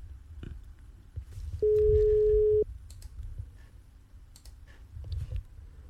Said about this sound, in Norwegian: Det ringer i hvert fall. Nei, det er tre ring de får holde.